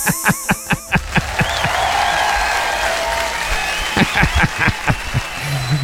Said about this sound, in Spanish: Aplauso para mí.